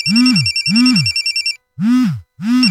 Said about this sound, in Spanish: Adefesios, ¿por qué no contestan? ¿Ah? ¿Qué no ves que Meli Mar te está llamando?